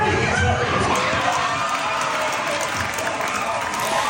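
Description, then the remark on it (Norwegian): A dense, loud crowd of football fans cheers and shouts together in a bar, Karls in Oslo, making a continuous roar of voices with scattered clapping and whoops throughout. “Det var jubel mange steder i går, mellom annet på Karls i Oslo som vi hører her.”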